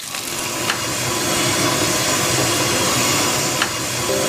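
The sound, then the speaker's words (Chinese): Steady, dense sizzling and crackling of su rou (crispy pork) being half pan-fried, half deep-fried in hot oil at a Chaozhou restaurant, loud, with a few sharp pops breaking through the continuous hiss. “我这个是酥肉，它是半煎半炸的。”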